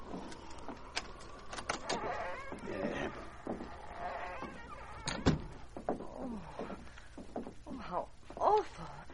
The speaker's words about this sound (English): Oh, it needs repairing. I'll unlock the door.